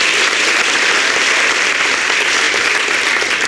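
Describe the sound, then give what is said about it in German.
Sustained applause from a large audience for a singer's final performance, a dense, steady wash of clapping hands that stays loud and even throughout with no voices over it. “Dein Applaus,”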